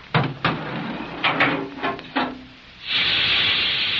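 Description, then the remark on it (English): An elevator car descends fast with several sharp mechanical clunks and knocks, then a steady, loud hydraulic or compressed-air hiss rushes in and holds to the end. No one speaks. “Acts more like a hydraulic to me, or compressed air.”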